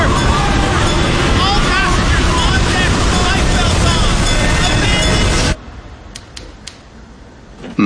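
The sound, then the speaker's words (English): The ocean liner Titanic sinking in the North Atlantic after striking ice, amid crashing waves: a loud, dense roar of churning water and wind with a babble of panicked voices, cutting abruptly to near quiet for the last seconds. “The Titanic. She's gone down.”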